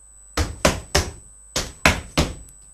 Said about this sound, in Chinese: 什么声响？人们吓坏了，以为是打雷呢。哦，原来是宝贝猪在上楼梯。